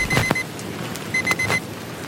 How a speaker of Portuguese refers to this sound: Sonó despertador, viste se repaso examen.